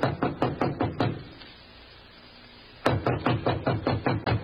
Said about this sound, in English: Standing at the door, he hesitated. Then, squaring his shoulders, he knocked.